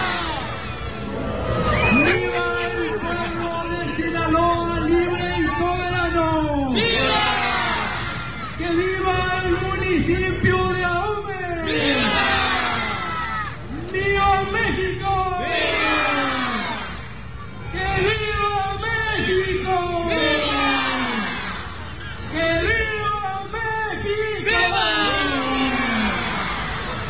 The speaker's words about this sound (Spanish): durante el tradicional grito de independencia, un total de 14,000 personas acompañaron al alcalde y se unieron en una sola voz para recordar a los héroes de la independencia y conmemorar en Ahome un aniversario